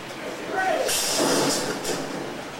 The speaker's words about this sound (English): And that fearsome subway train isn't what it appears to be either. But at least the crew makes sure it arrives on time.